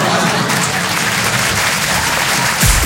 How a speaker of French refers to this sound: Voilà, n'applaudissez pas sur ça. On est à Paris, je sais. Non. À Paris, les gens, ils applaudissent plus sur ça.